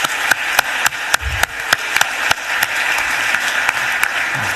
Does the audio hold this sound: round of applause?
yes